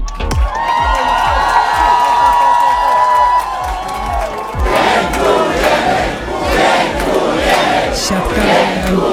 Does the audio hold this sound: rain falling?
no